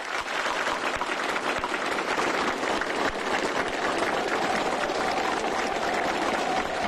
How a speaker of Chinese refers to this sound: 习近平和金正恩对演员们的精彩表演频频鼓掌致意。